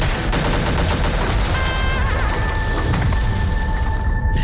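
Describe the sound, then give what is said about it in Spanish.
A dense, loud barrage of gunfire and explosions from a war film trailer rumbles continuously, like a battle scene, with a thin high whistling tone cutting through partway. No one speaks. “Es verdad que en el tráiler hemos oído disparos, guerra”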